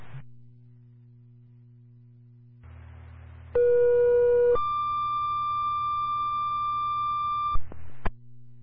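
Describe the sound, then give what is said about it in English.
Over a low radio hum, a steady tone sounds for about a second, then jumps to a higher, longer tone lasting around three seconds: a two-tone dispatch retone page for Warren Ambulance, needing an additional EMT for a carbon monoxide alarm call at 31 Sheehan Road, followed by brief clicks. “LCD Warren Ambulance with a retone, additional EMT is needed to complete the crew.”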